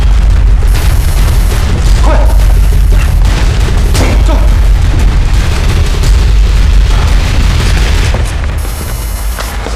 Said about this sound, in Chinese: 有炸弹，整个楼都装了炸弹，瞬间就爆炸。